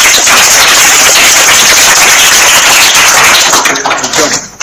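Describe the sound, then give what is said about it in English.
A loud, steady round of applause from a crowd at a school quiz after a correct answer, a dense wash of many hands clapping together that holds for several seconds before thinning out and fading at the end. “A round of applause.”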